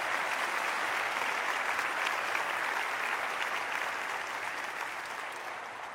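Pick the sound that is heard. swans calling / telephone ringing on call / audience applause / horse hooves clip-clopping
audience applause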